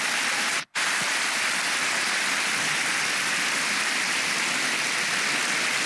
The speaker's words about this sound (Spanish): Es una iglesia viva. Solo por eso dele un aplauso al Señor, hermanos.